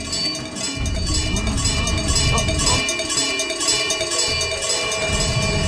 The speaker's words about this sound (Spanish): Si la vaca no quiere ir a la máquina, lleva la máquina a la vaca. ¿Listos para sonar el cencerro?